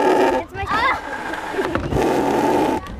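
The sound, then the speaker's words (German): A bellows-driven machine, worked like an accordion by pressing and meant to imitate a lung, mouth and lips, gives off loud, buzzy, reedy blasts, with a brief wobbling pitch glide early on and a steadier rasping drone later, rather like a drawn-out fart. “Diese eine Maschine, da muss man so drücken und es soll, glaube ich, so eine Lunge und so ein Mund und Lippen sein, aber es klingt ein bisschen wie ein Furz.”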